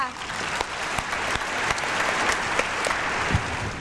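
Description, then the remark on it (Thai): A group of children clapping steadily for nearly four seconds to cheer on a classmate, contestant number 7, in a spelling game: a dense patter of quick claps with sharper individual slaps standing out, and a few young voices mixed faintly underneath. “ใครจะเป็นคนต่อไปเนาะหมายเลขมาค่ะคนต่อไปก็คือหมายเลขเชียร์เพื่อนด้วยหมายเลข7ค่ะ”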